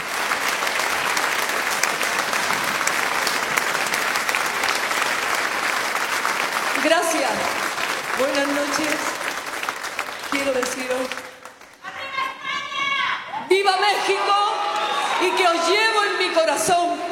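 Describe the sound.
An audience applauds steadily for the whole stretch, a dense crackle of clapping; partway through, voices start cheering and whooping over it, growing livelier toward the end.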